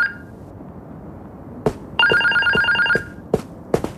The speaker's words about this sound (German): Das mehrmalige Klingeln des Telefons im Wohnzimmer hörten sie nicht.